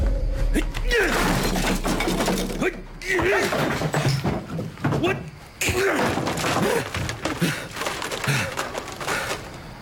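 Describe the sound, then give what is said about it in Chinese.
A burst of crashing and smashing, with repeated thuds and cracking impacts as a 3D architectural scale model of a future commercial complex is broken apart, loud, while voices shout over the commotion. “就你刚才砸坏的那个，可是我花了十几万做的未来商业综合体的立体沙盘呢”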